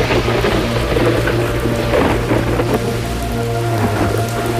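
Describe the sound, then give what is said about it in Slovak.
Heavy rain pours down steadily and loudly on a mountain, with a low rumbling wind surging beneath the dense patter throughout. No one speaks. “A dážď sa zberá, a vietor naberá na sile.”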